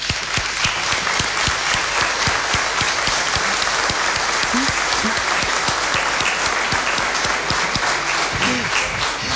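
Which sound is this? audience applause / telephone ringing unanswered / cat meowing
audience applause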